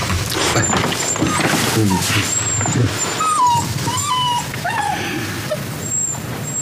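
A dog whimpers and yips in a series of high, thin, whining cries, steady, over a constant background hiss, with no one talking.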